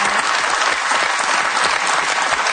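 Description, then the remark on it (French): A crowd applauds steadily, a dense, continuous patter of many hands clapping at an even loudness throughout, with no voices standing out. “T'es sûr qu'il y a des jeunes femmes qui vous regardent, qui vous applaudissent, comme ça.”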